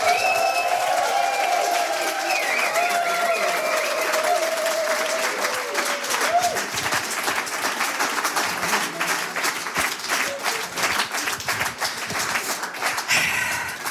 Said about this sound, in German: Bitte begrüßen Sie mit einem frenetischen, von Herzen kommenden Applaus